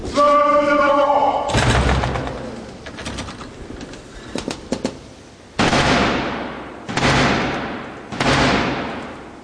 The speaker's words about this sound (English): That was the 350-year-old tradition of the King's Messenger, the Black Rod, knocking to gain entry after having Parliament's door slammed in his face.